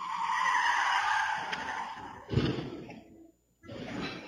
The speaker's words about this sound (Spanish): Sucedió la noche del viernes. Minutos antes, una cámara de seguridad logró captar al vehículo circulando a gran velocidad. En el clip se puede escuchar el frenazo y después un fuerte estruendo.